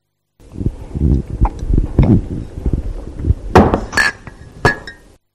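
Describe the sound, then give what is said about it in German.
Soft, low sipping and gulping sounds from drinking out of a cup for a few seconds, then the cup is set down on a table with several sharp clinks, one leaving a brief ringing tone. “Es wurde aus einer Tasse getrunken und diese stellte man dann auf den Tisch.”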